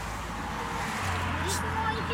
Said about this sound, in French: Une voiture s'arrête.